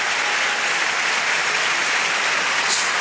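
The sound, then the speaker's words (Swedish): A large stadium crowd at Alexander Stadium claps steadily throughout to help Italian high jumper Gianmarco Tamberi before his jump at 2.32, a dense, bright wash of applause holding at even loudness with no voices standing out. “Han vill ha ännu mer hjälp av publiken.”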